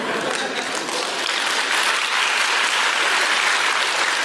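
Steady, dense applause from an audience fills the whole stretch, a broad hiss of many hands clapping at an even, loud level with no talking over it.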